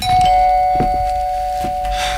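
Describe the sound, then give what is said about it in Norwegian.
An electronic doorbell rings with a steady, sustained tone that holds for about two seconds, loud, with a few faint knocks and clatters underneath. “Nå er jeg blid og fornøyd, men du hadde kanskje ikke trengt å ringe på så mange ganger, men da fikk jeg snakke litt med meg selv, eller snakke egentlig til ringeklokka.”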